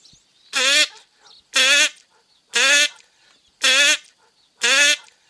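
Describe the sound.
A voice imitates a duck with five loud, nasal quacks, each drawn out and evenly spaced about a second apart, with no other sounds around them.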